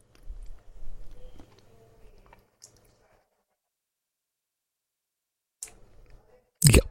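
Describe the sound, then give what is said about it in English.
Wet, squishy mouth sounds of someone eating a thick, creamy mix of cottage cheese and a teaspoon of smooth peanut butter, with soft smacking and clicks, a quiet pause, then more chewing and a sharp louder burst at the end. “Tastes like peanut butter and cottage cheese mixed up.”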